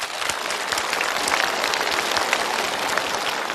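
A studio audience claps steadily for a father, a dense crackle of many hands that holds at an even level for several seconds with no voices over it.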